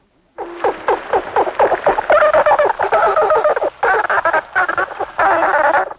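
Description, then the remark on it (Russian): Dolphins chatter in a loud, continuous burst of squeaky whistles, chirps and rapid clicking buzzes, with rising and falling pitch and a few brief pauses. “своеобразные звуки издают и живущие в морях млекопитающие, например, дельфины. Вот их голос.”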